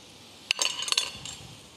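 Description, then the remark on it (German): A knife cuts through a seared, rested, bacon-wrapped pork fillet on a cutting board, with two or three crisp slicing sounds and light clinks against the board. Nobody speaks. “Dann schneiden wir das Schweinefilet auf.”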